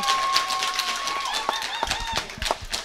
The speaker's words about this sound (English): and we are down here at the dance hall at the Warwick Showgrounds at the Doug Fates Pavilion. We've got a big group of dancers here tonight. If you're sitting around on your Saturday night, give us a big cheer, everyone. Let us know you're here.